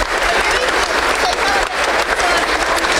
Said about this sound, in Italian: Guarda Massimo, ecco, questo è il corteo istituzionale, sì. Lo stai vedendo anche te, l'applauso continua, ma come dicevi tu.